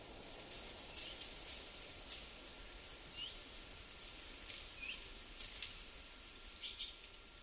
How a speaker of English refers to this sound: There's so many birds. It's very birdy, as the bird people would say. It's very birdy here. So many different varieties. When I go out in the morning, I hear like an orchestra of bird songs.